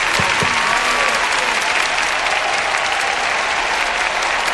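Steady, loud applause from a crowd, a dense wash of clapping that holds at an even level throughout with no pauses, with a faint murmur of voices beneath it.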